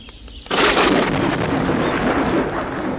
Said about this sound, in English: Oh, no, he says. Rain and thunder.